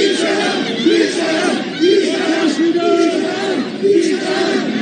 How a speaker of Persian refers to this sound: من توی اخبار امروز 3-4 تا فیلم دیدم از شعارهایی که مردم علیه آقای پزشکیان و عراقچی تو مراسم تشییع رهبر شهید انقلاب دادن، و حالا با حرفای مختلف، شعارهای مختلف مثل سازشگر و مرگ بر وطن فروش و بیشرف و اینها، در واقع کاری کردن که اونها مراسم رو ترک بکنن.